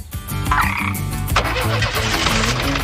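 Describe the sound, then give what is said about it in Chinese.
A frog croaks loudly and repeatedly in a steady, pulsing rhythm of low, throaty calls, with a brief higher warbling tone near the start and no voices. “要是你遇到麻烦，就大喊，或者呱呱呼救吧。”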